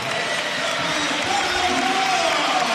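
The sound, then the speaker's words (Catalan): A large crowd applauds steadily and loudly throughout, a dense wash of clapping mixed with some cheering, as captain Carlos Barrón comes on as a substitute to play the last 5 minutes of the regular league season. “I ara entrarà Barrón, l'aplaudiment de Somos.”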